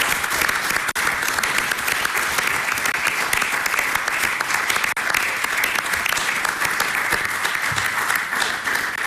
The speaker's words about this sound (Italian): È veramente difficile riprendere la parola e cercare di non interrompere questo applauso